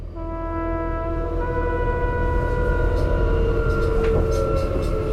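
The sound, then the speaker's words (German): An S-Bahn commuter train runs steadily and loudly, its electric motors giving off a sustained, layered whine over a deep continuous rumble, with faint clanks and rattles from the carriage. “Walter Fischer wird in einer S-Bahn von zwei Sicherheitsleuten aufgegriffen.”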